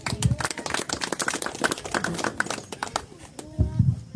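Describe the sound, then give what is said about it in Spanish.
A crowd claps steadily for several seconds at a municipal gathering, a dense patter of many hands at a lively pace, as a municipal councillor is invited up to speak. Brief voices rise at the start and again near the end. “Fuerte las palmas también para él, por favor.”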